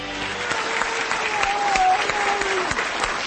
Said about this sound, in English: Yeah, you're clapping for me, but I'm not clapping for you.